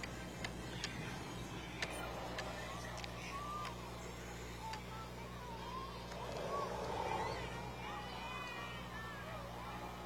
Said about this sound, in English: Cars continue to roll by 24th and Central. This is the Kearney Cruise Night.